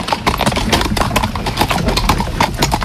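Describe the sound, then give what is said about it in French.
Steady clip-clop of a horse's hooves on a hard surface as it pulls a horse-drawn carriage, fairly loud, with a regular trotting rhythm and faint rolling carriage noise underneath. “Et du coup, l'attelage fait un CMI et voilà, lui, il aime bien s'amuser. Il s'amuse comment, le cheval, avec vous ?”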